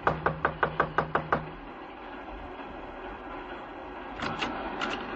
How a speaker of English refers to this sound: Just knock on the door.